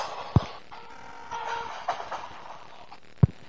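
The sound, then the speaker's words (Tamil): A train pulls into a station with a steady mechanical rumble, faint squealing tones, and two sharp metallic clunks near the start and end. No one speaks. “என் train வந்துருச்சக்கா, வாங்க தேடுறேன்.”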